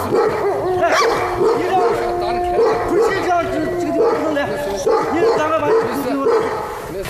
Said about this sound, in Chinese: 竟然搞混了要配对的狼，引起了狼的打斗。